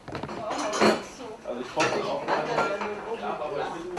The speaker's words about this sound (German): Und dort, wo einst für den Kanzler gekocht wurde, herrscht Hochbetrieb. Familienabwasch. Eine Spülmaschine hat der Alte nicht erlaubt.